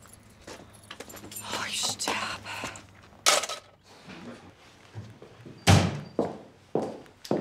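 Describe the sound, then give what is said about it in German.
Keys jingle and rattle amid shuffling, then a heavy door shuts with a loud, deep thud, followed by a couple of softer knocks and clicks. “Die geht nicht von allein zu.”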